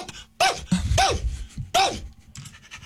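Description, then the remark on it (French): A dog lets out several loud, sharp barks and yelps in quick irregular bursts, with brief breathy pauses between them and no one talking. “Là, le chien réagit énormément, puis tout est beau.”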